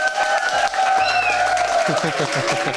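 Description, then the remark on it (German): An audience at a school breaks into sustained applause mixed with cheering for a 'Held der Zuckertüte 2026' award honoree. The clapping is a dense, steady wash that stays loud and even for about three seconds, with no one speaking. “Ein Applaus für”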